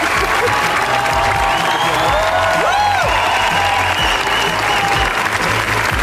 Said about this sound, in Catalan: I també tornarem a Canes, on aquesta nit hi ha hagut una ovació, una de les ovacions més llargues, als Javis.